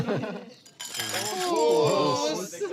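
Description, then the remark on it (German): Glasses clink together in a toast, a bright ringing tone sustaining for a moment over overlapping voices and cheerful chatter. “Prost.”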